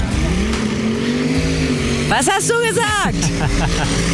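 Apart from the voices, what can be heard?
tractor pulling engines roaring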